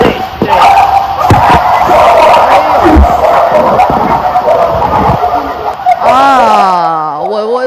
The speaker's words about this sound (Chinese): 哇，这个狗叫听起来真的不是一只两只啊，这是很多狗，而且不 是 小狗，是大狗在叫啊。